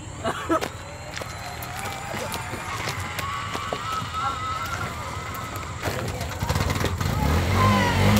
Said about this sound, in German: Endlich! Der Motor läuft wieder. Immerhin in den ersten Gang können wir mit ein bisschen Gewalt schalten.